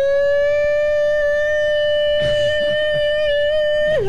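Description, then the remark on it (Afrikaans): An air raid siren holds one steady, loud wailing tone with strong overtones, then drops in pitch at the very end as it begins to wind down; brief rustling noises appear midway. “Ja, man, het luchtalarm wordt afgeschaft, hoor.”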